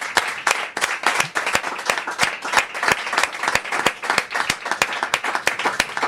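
A crowd bursts into sustained applause, many hands clapping in a dense, steady patter that stays loud and even for several seconds with no voices over it.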